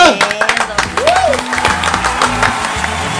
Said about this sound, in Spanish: Más fuerte el aplauso para nuestros amigos de ….